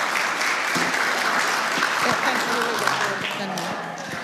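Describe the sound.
A crowd applauds steadily throughout, a dense, even wash of clapping at a fairly loud level, with a few faint voices murmuring underneath.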